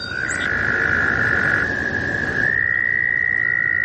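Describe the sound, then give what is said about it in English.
A chorus of male American toads in the northeastern United States in springtime, trilling together in long, unbroken, high-pitched trills that overlap at slightly different pitches, steady and fairly loud throughout, with a dense wash of background chorus beneath. “These trilling American toads are a common springtime sound in the northeastern United States.”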